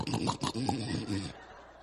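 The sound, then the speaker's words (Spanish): A voice mimics a man snoring with a rough, growly rattle, fairly loud, lasting just over a second in a couple of throaty pulses before it cuts off into quiet. “Ya está roncando.”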